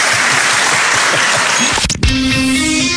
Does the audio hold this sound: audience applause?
yes